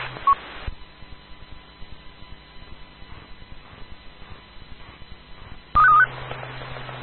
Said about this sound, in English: Just curious, do you have a Roger beep on your radio, or is that something that the IRLP node is injecting? No, I'm talking off the Azu FT4X.